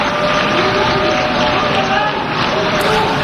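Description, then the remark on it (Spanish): A loud, continuous din of a crowd at the UN General Assembly as Benjamin Netanyahu takes the podium: many voices of delegations shouting in protest blend with clapping from other delegations, forming a dense, unbroken wash of noise in the assembly hall for about three seconds. “Se mezclaban las protestas y los aplausos de otras delegaciones que han decidido permanecer y apoyar al primer ministro israelí.”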